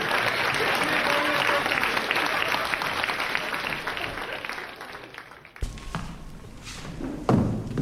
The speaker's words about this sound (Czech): Přátelé, nezdržujte se. Venku je ohňostroj.